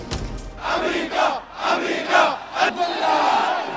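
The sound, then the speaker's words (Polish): A large crowd of mourners dressed in black chants in unison at funeral ceremonies in Tehran, Iran, for Ayatollah Ali Khamenei, loud rhythmic bursts of many voices rising and falling in waves for a few seconds. “Tłumy gromadziły się w Teheranie, a żałobnicy ubrani na czarno nieśli flagę z napisem "Powstaniemy".”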